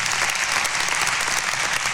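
A crowd applauds steadily, a dense wash of many hands clapping at a constant, fairly loud level for the whole stretch, with no voices rising above it.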